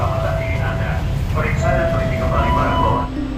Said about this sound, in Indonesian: Peron stasiun menjadi saksi penumpang silih berganti, datang dan pergi. Ribuan pengguna jasa KRL berjibaku, berdesakan, mengantre, bergantian masuk dan keluar gerbong dengan penumpang lainnya yang masing-masing berasal dari daerah, latar belakang,